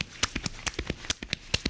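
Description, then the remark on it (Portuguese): About a dozen quick thumps, made by a person beating on his own chest in an uneven galloping rhythm, imitating a horse's clip-clopping hooves, with no talking. “Ele tá fazendo esse barulho batendo no próprio peito, gente.”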